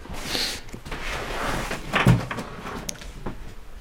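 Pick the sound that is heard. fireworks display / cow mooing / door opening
door opening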